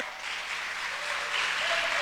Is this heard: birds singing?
no